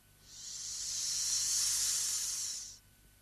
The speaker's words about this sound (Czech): Teďka ještě nic. Jenom tenkej pramínek páry, co se prodírá ze škvíry. No, kdyby se vzala pára v truhličce.